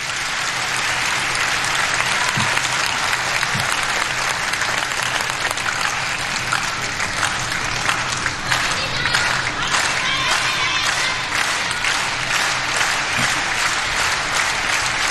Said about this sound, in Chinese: 现场的观众还是很懂球的啊，知道这个时候来到了第三局关键的比分段，也通过密集的快节奏的掌声来烘托氛围。